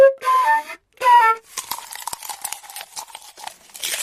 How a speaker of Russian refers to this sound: Дай-ка свою флейту. И куда нужно дуть? А, вот в эту дырочку? Ничего не получается.